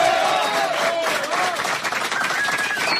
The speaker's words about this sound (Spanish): Bueno, estamos grabando el 11º disco, disco número 11, fuerte el aplauso.